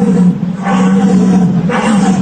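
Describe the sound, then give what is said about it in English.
A person in a deer-calling competition imitates a stag's roar through a wooden tube in the mouth, a deep, loud, throaty bellow that swells twice in quick succession over a steady low drone, forceful. “And this is what it sounds like when they call deer in the deer hunting competition.”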